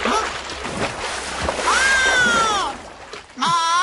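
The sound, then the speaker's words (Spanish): Water sprays and splatters in a dense, noisy rush as an aquatic creature shakes itself off, with a rising, sliding squeal in the middle and a voice breaking in at the end. “Nunca se sabe cuando una criatura acuática va... ¡A sacudirse!”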